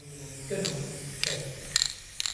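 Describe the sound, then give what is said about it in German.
Four short, sharp rattling bursts about half a second apart, a spray paint can being shaken, over a low hum of background murmur, at moderate volume, as street artist Thomas Baumgärtel sprays his Gaza Girl onto a white wall in the art museum in Goch, Germany. “Im Kunstmuseum der Kleinstadt Goch sprüht Thomas Baumgärtel sein sogenanntes Gaza Girl an eine weiße Museumswand.”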